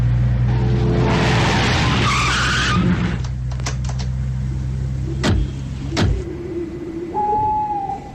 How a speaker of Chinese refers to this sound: 吉普车上，金鲁生在闷头开车，只听到车子的发动机声和车子偶尔被颠簸的声音